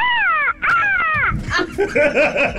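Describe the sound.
A person's voice imitates a dog's howl with two drawn-out, wavering cries that slide downward in pitch, followed by rougher, choppier vocal yelps and barks.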